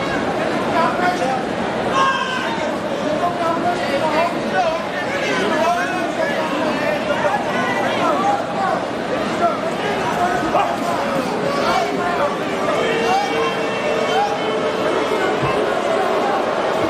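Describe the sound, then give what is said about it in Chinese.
A crowd at a fight boos in a steady, loud, low drone that runs the whole way through, showing displeasure with the two fighters' slow-paced exchange, while commentators talk continuously over the noise. “现在嘘声四起啊，观众也表达了对于两个人的不满。”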